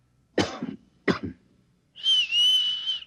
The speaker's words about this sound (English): Well, if there's a Mocklin that looks like me and one that looks like you, we better have a signal. Look, I'll cough twice, like this. And you whistle back. That way, we'll know it's us.